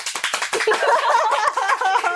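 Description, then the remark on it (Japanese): A brief burst of scattered hand clapping from a group of second-year students, clapping to show they are nervous, quickly giving way to overlapping voices and chatter that continue to the end. “どう？緊張してたら拍手して。”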